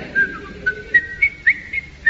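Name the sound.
person whistling a tune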